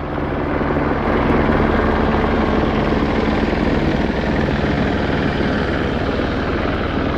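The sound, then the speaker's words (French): A gendarmerie helicopter flies over the site, its rotor thumping in a loud, steady drone that fills all seven seconds with no voices. “Dans l'air, il y a aussi des hélicoptères de la gendarmerie qui viennent de temps en temps survoler le site.”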